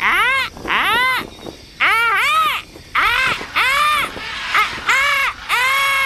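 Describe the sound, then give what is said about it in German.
Rainforest jungle ambience in which frogs let out about seven loud, nasal, strongly harmonic calls in a steady rhythm, each rising and falling in pitch, over a constant hiss of background noise. “Und im nächsten Augenblick hat das Fernrohr sie auch schon in den dichten Dschungel gebracht.”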